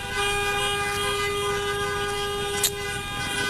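Car horns blare in a sustained, steady honk with layered tones from several cars queued behind a vehicle at a fuel pump, with a brief sharper burst near the end amid background traffic noise.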